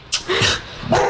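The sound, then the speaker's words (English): A dog barks three times in quick succession, sharp, with short gaps between the barks and no voices around them. “Plus, we were under a lot of strain with the dog at that point.”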